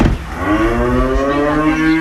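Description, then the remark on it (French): A cow on an agritourism farm offering guest rooms lets out one long, loud, drawn-out moo lasting about two seconds, clear, with no talking over it. “Voilà, elle a combié les bottes pour aller s'occuper des vaches.”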